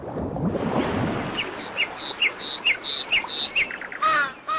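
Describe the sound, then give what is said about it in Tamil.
Outdoor paddy field ambience: a soft, rustling wash of background noise gives way to a series of bright, high-pitched bird chirps in a steady rhythm, ending with a harsher squawk. No one speaks. “வயக்காடு.”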